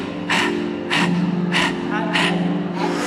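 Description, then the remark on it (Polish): A person imitates a dog panting as a breathing exercise: loud, rapid breaths in a quick regular rhythm, about five sharp puffs, over a steady low hum. “poszedł do góry, wszedł na sam szczyt tej góry, bardzo się zmęczył, siadł sobie, wysunął duży język i zaczął głośno oddychać.”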